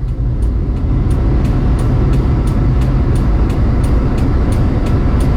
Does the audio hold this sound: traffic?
yes